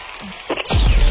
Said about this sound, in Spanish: aplauso.